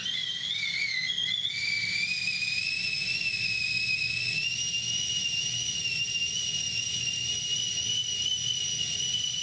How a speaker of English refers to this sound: What whistle is that? I'm pretty sure it's a kettle on a stove.